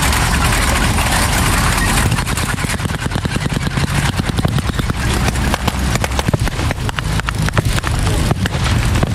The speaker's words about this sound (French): Très vite, le sol se met à vibrer sous le poids des semi-chenillés allemands prêts à repousser les Alliés.